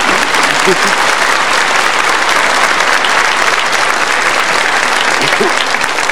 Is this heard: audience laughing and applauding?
yes